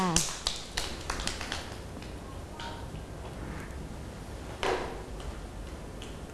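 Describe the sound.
A group of children claps hands for a classmate at the teacher's request, in a quick, uneven patter of sharp slaps, thick at first, then thinning out, with another brief burst later and faint voices murmuring underneath.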